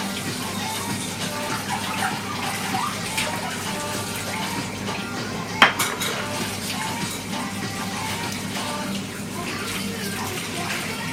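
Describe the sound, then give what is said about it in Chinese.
Steady running water from a tap pours throughout while dishes are washed by hand instead of in the dishwasher, with a brief sharp clink of crockery partway through. The sound is continuous. “然而你忘记了开，你还是在用手洗。”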